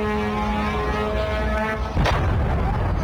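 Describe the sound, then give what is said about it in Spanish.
An explosion recorded in Kuwait during Iranian missile and drone strikes on installations with a US presence: a steady, humming drone with layered tones gives way to a sudden sharp blast about two seconds in, followed by a louder, rough rumble. No one speaks. “Esta es una de esas explosiones recogidas en Kuwait.”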